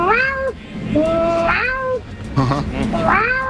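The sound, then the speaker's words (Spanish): A person loudly imitates their own female cat, giving three drawn-out, wavering meows in quick succession, with no other talking. “Y no imito gaviota, yo soy más de animales de caza. Mi gata.”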